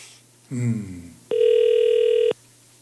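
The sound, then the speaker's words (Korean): A brief voice murmur gives way to a single steady electronic telephone ringback tone, about a second long and loud, then cutting off abruptly as the call rings unanswered. “아유 전화를 안 받는다.”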